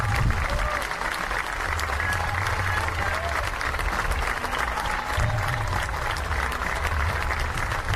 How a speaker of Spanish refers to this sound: Soy soldado latino, aprendí a mamar esta tierra y espero que aplaudan por el maestro de la escuela pública.